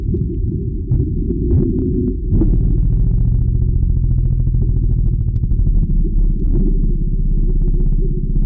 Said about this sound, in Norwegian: som snakker om hvordan elefanter kommuniserer med denne mørke rumlelyden, og sånn høres det